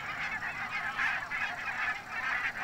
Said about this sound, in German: Zehntausende Nonnengänse fressen den Schafen das Gras weg. Von Herbst bis Frühling sind die Zugvögel in großen Schwärmen an der Nordseeküste.